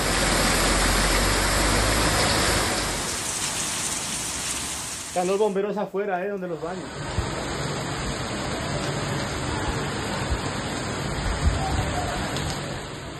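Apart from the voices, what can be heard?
heavy rain falling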